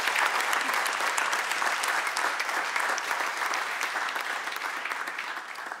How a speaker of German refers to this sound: Mit diesem Applaus.